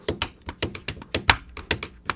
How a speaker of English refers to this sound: I was playing the pen on the paper.